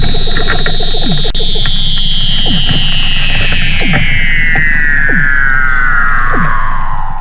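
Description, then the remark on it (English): A Weddell seal mother and pup in Antarctica call to each other while the mother teaches the pup to swim: a long, eerie whistle glides steadily downward while shorter falling chirps and low throbbing pulses repeat beneath it, loud, with no voices. “And you can hear the mother and her pup calling to each other.”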